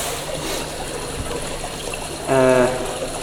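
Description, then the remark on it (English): Drinking water pours in a soft, steady trickle, ending with a brief rising gurgle as a glass fills. No one speaks. “Oh yeah, take a sip of the water if you like, just to wet your palate.”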